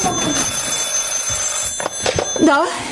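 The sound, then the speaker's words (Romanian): A telephone rings at the office of the Corte și Del real estate company with a steady, shrill bell tone that carries on throughout, while voices and indoor clatter break in over it toward the end. “Ceilalți sună mereu.”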